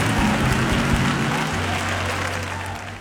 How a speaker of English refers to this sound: Come on, clap your hands and let's bless God.